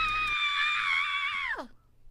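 A single loud, high-pitched scream held steady for over a second, then sliding sharply downward and cutting off, leaving near silence.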